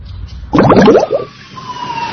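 An ambulance siren wails as the ambulance enters a hospital, a loud rising-and-falling burst that settles into a thinner, steadier tone as it carries on with no talking.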